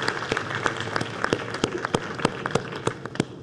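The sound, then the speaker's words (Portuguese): An audience at the Senate applauds the animals steadily for a few seconds, a dense wash of clapping with sharper individual claps popping out at an irregular, fairly quick rhythm. Nobody speaks over it. “Então, uma salva de palmas aos animais.”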